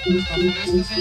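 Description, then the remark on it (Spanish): A mobile phone ringtone plays a repeating electronic melody, short tonal notes cycling in a steady pattern with a low hum beneath, fairly loud and without speech over it. “A ver, se me hace que es su teléfono, güey.”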